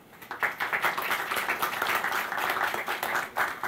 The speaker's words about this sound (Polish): Dzień dobry, witamy Państwa w tym wyjątkowym dniu, w którym chcemy docenić najlepszych sportowców województwa podlaskiego, którzy stanowią o marce Team Podlaskie. Cieszymy się, że Państwo jesteśmy i dziękujemy za Wasz udział. Ogromne brawa.